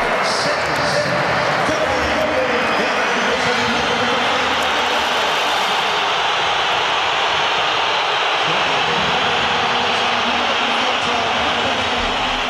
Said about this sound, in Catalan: Durant el partit i amb l'1-1 al marcador, Simeone ha fet entrar Julián Álvarez i l'afició matalassera ha respost amb una esbroncada. La sentim.